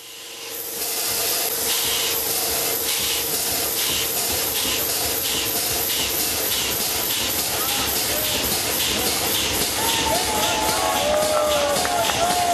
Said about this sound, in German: Auch hier war nicht das Ziel, die Maschine wieder mit Dampf zu betreiben, sondern man wollte den Zylinder mit Druckluft in Bewegung bringen. 2015 war es soweit und die reparierte Dampfmaschine konnte ihre ersten Schnaufer machen.